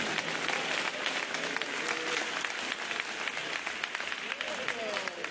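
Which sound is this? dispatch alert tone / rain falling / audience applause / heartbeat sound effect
audience applause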